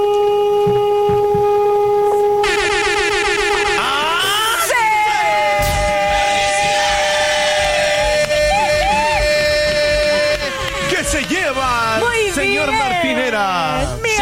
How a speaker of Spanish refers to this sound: Vamos a pedirte, si eres tan amable, que nos regales un bocinazo, pero muy largo, ¿va? Hasta que uno te diga basta.